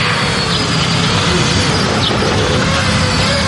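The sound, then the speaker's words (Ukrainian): An FPV drone takes off and flies a special race course in a competition among strike-drone crews of the Omega Special Purpose Center. Its motors give a loud, steady, high buzzing whine with faint pitch shifts as it speeds up, with no voices. “FPV-дрон здіймається в небо та вирушає на місію.”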